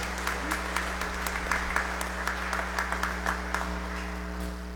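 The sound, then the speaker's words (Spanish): An audience at a Catholic Mass claps steadily in thanksgiving for a birthday, many hands producing dense overlapping applause with sharp irregular claps standing out, over a constant low electrical hum. “Démosle un fuerte aplauso, bendiciones.”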